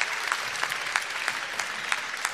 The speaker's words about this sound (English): Ah, fantastic. Give us a little big burst. Big burst of applause.